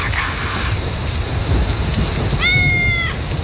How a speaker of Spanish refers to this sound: Qué rico que es dormir con la lluvia, ¿no? Oh, y ese ruidito es... Y un buen tutito. Un buen tutito. Qué rico que es dormir con la lluvia. Que suene ahí con las latas ahí.